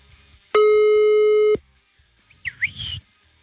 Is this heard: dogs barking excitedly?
no